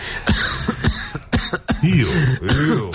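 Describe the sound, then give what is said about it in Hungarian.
A person coughs repeatedly, a string of sharp, fairly loud bursts in an irregular rhythm, some rasping and throaty, with no speech in between. “Ó, köhögni.”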